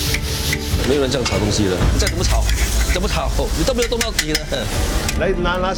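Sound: stir-frying sambal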